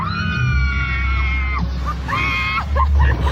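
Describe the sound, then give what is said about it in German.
Loud, sustained high-pitched hysterical screams from an adult on a ghost train ride, two long shrieks with a short gap between them, over a heavy low rumble of the moving ride, with a few shorter yelps near the end. “Das klingt dann ungefähr so, Achtung, hysterisches Geschrei in 3, 2, 1.”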